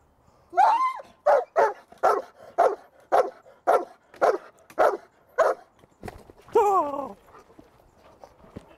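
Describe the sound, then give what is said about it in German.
A dog barks in a rapid, steady series of about a dozen loud barks during bite training with a protective sleeve, ending with a longer whining yelp before falling quiet. “Wenn der Hund gebellt hat, dann ziehen Sie den Ärmel hoch.”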